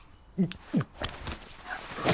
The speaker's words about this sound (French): Oh là, abruti chien.